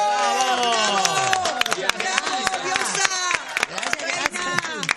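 Audience applause for Carmen Barbieri on a Radio Continental program, sharp scattered claps cutting through loud, sweeping music with rising and falling tones, continuing steadily for several seconds.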